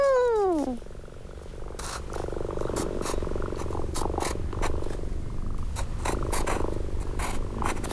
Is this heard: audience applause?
no